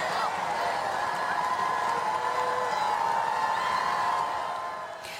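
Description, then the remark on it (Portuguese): A large crowd in Paris roars continuously with cheering and collective chanting, a dense wall of voices fading slightly at the end; the crowd, in lines over 2 km long toward the Arc de Triomphe, welcomes Pope Leo XIV with chants and applause. “À chegada de Leão XIV, a multidão estendia-se em filas de mais de 2 quilómetros, desde a Praça ao Arco do Triunfo, para receber o Papa com cânticos e aplausos.”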